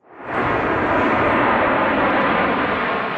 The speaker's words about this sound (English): Four planes fly above Moscow in rehearsals for this weekend's big event.